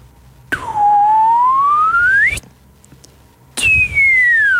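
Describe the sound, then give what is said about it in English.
Someone whistles two long sliding tones, loud: one sweeping steadily upward, then after a short pause another gliding downward, imitating a slide whistle. “What do you want me to whistle? Slide whistle for starters, up and down.”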